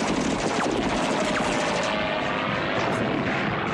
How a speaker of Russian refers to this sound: Самолетная пушка вспарывает землю рядом с окопом.